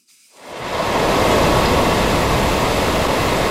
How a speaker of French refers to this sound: C'est un drame dont la portée se transpose mal en son. Difficile d'imaginer la force de ce torrent d'eau qui cascade dans les rues défoncées, contournant des maisons assiégées.